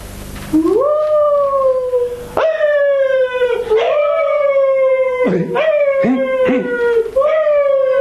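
Several dogs howl in long, drawn-out, overlapping wails, voices sliding and rising and falling together in a loud chorus with brief breaks between howls.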